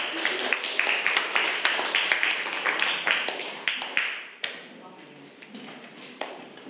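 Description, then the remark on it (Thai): A group of students in a class claps steadily for about four seconds for a group representative about to present, a dense, bright patter of many hands, then it thins to a few scattered claps as voices murmur underneath. “ก็คือเป็นตัวแทนของกลุ่มที่3นั่นเองค่ะขอเสียงปรบมือให้กับตัวแทนนำเสนอด้วยค่ะ”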